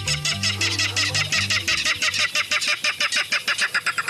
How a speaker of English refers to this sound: In a salt marsh near San Francisco, a loud clatter erupts from the dense vegetation. These jolting notes, like a small engine cranking up, are the voice of a Ridgeway's rail. The secretive bird peeks out from the edge of the marsh grass.